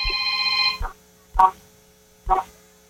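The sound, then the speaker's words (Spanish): A caller's car horn comes through a phone line, thin and tinny: one long sustained blast followed by three short, evenly spaced honks, with no talking. “Ocupo que me regales 5 bocinazos medianitos en tu coche ahora.”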